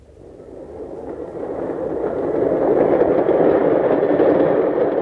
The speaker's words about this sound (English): Better get out onto the platform. The train will be coming soon.